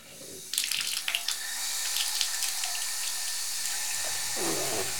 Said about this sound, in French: Il se penche sur la pointe des pattes pour ouvrir les robinets.